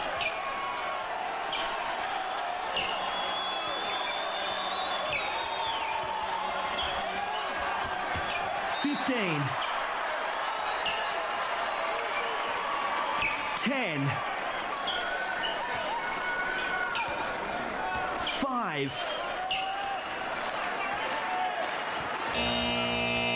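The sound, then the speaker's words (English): About twenty-four seconds of a basketball shot clock running down during play: a steady crowd murmur with ball bounces and several sharp sneaker squeaks, ending in a brief burst of the buzzer. “So just for our listeners, this is what you'll hear, the 24-second shot clock.”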